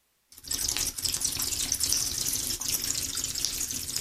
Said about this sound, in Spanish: En silencio, la mujer del médico salió y de un grifo medio bloqueado en un pasillo desolado llenó un cubo con agua fétida.